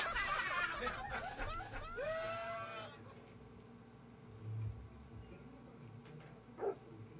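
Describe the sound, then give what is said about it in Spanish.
A dog's barks and whines played by a smart speaker, a quick run of yelps at the start, then fairly quiet apart from a brief thump near the end. “A ver, ahora como perro. Alexa, hazle como perro.”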